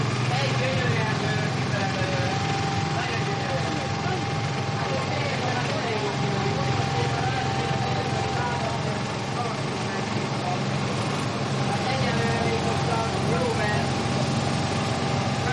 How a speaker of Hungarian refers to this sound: Csak itt is elég nagy a zaj. A második szivattyú.